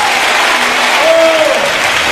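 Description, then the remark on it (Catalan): Loud, sustained applause from a crowd giving praise to God, a dense steady clatter of many hands clapping at once, with a brief faint tonal voice or cheer rising through the middle. “Un aplauso fuerte a Él.”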